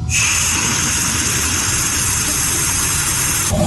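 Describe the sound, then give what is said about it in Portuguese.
A steady, loud hiss of air rushing out of a faucet as it is opened during a water shortage, broad and airy with a bright high edge, running unbroken for several seconds before cutting off abruptly near the end. “Quando tem falta de água e ele abre a torneira, o som que ele ouve é esse aqui, vamos acompanhar.”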